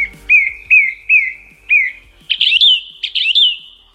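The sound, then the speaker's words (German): A song thrush sings loudly, repeating a short clear whistled phrase four times in a steady rhythm, then switching to a higher, more complex double phrase. “Das ist eine singende Singdrossel.”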